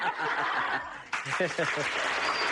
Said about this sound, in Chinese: 别鼓掌，一鼓掌我不好意思。